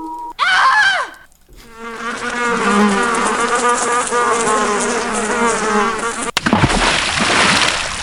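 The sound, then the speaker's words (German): Loud buzzing of flies around spoiled food drones steadily for about five seconds with a wavering pitch, preceded by a short swooping tone and followed by a burst of noisy hiss. “Ja, die fliegen, summen da schon rum, ja.”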